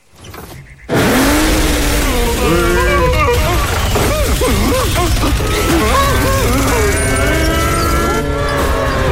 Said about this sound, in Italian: Ehi, ma c'ha un motore potentissimo.